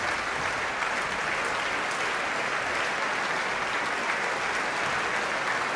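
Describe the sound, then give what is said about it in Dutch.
Sustained, dense standing ovation from a concert audience for the Radio Philharmonisch Orkest and conductor Marzena Diakon, steady and enthusiastic throughout with no pauses, a broad wash of many hands clapping at once. “Het Radio Philharmonisch Orkest blijft nog even staan, want hier staat het publiek ook nog steeds.”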